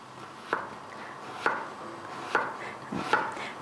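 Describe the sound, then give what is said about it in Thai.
A knife cuts vegetables in half and then into thin slices on a wooden cutting board for a quick pickle: four crisp chops land at a slow, steady pace, each with a sharp knock against the wood, and no one speaks. “หั่นครึ่งแล้วก็สไลด์บางๆเพราะว่าอันนี้เราบอกว่าเราจะดองเร็วดองแป๊บเดียว”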